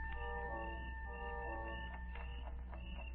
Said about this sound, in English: The sound of the alarm clock we'd brought with us mingled with that of the crickets outside.